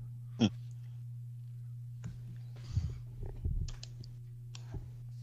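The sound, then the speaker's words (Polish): Several scattered clicks as someone searches, one sharp near the start, then softer irregular taps and rustles, all over a steady low electrical hum with no talking. “Klika, szuka”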